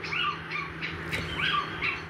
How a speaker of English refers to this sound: The Little Owl.